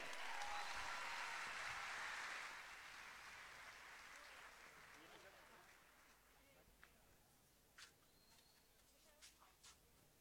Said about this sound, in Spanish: Señoras y señores, en esta final, aplausos para Arrayán de Tomé.